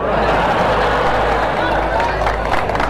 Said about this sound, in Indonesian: Tadi ada yang tepuk tangan. Begitu bilang dia punya angkot satu pulau, semuanya setuju.